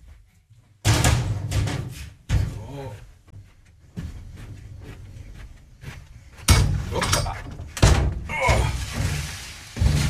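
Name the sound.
door opening and closing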